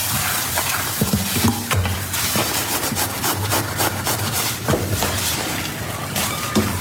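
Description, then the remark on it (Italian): Dishes being washed by hand: a steady wash of running water and scrubbing, broken by scattered clinks and scrapes of crockery, with no voices. “Lavo i piatti.”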